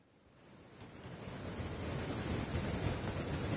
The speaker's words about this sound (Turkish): burada derenin taştığı bilgisini geçtiğimiz yayında aktarmıştık.